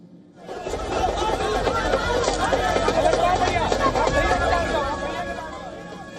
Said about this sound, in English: In fact, as leaders attempted to push forward, moments of commotion gripped the protest area. Rahul Gandhi was momentarily mobbed by surging crowds.